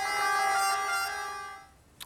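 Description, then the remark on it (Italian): Emergency vehicle sirens sound in a sustained, steady blare at moderate loudness as a coffin is saluted at the end of a funeral mass, then fade away near the end, leaving a brief faint clatter. “Alla fine della messa, il saluto al feretro accompagnato dal suono delle sirene.”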